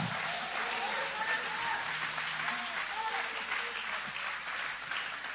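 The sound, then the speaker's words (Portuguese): A church audience applauds steadily to praise God after a Bible reading, a dense, sustained wash of clapping from many hands filling the space, with faint voices mixed into the crowd noise. “Pode tomar o vosso assento, guarda a Bíblia com muito carinho e pode aplaudir a Deus, pode glorificar o nome dele com alegria.”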